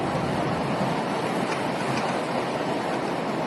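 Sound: heavy torrential rain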